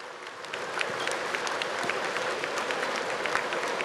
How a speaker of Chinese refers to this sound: 我们非常感谢高雄市市长陈其迈市长以及侯局长的帮忙，让我们每一年都可以在高雄巨蛋举行。我们是不是给他们热烈的掌声？